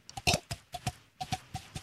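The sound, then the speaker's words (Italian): A mouth imitates horse hooves clip-clopping as a sound-effects demonstration: a steady run of about nine hollow tongue clicks in a loping, paired rhythm, moderately loud, with no talking. “Il cavallo.”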